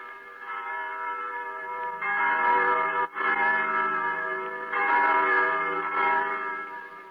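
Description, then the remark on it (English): Church bells ring steadily and fairly loudly, their overlapping peals swelling in waves with a brief dip partway through, all resonating with a reverberant echo and no voices. “If only I could still hear the wind and the trees, the larks and the sunshine, the young lambs crying through the healthy frost, and the blessed church bells.”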